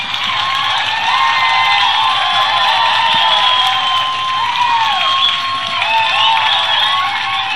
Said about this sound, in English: You're so pleased, aren't you? As all the people in the studio here cheering, that's good. The posse. The posse.